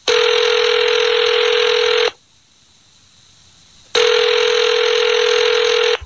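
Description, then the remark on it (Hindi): A telephone rings in two long, loud bursts separated by about two seconds of silence, with no one speaking, as a call is placed back to an old friend and former colleague. “तुरंत फोन मिलाया बाऊजी ने।”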